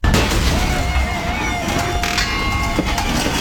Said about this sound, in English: Does your garage door sound like that? That's not normal. That's a failure waiting to happen.